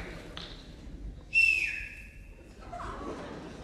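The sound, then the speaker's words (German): A person whistles one steady, high note for about a second, starting with a breathy rush of air, over faint background noise and no speech. “Und pfeifen können die auch nicht.”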